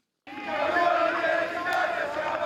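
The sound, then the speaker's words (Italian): At the final siren, a large crowd erupts in a sudden, sustained roar of celebration as Olimpia Milano wins the Italian basketball championship by beating Venezia in game 4, loud and steady with many voices shouting and cheering together after a brief silence at the start. “Alla sirena finale esplosa la festa.”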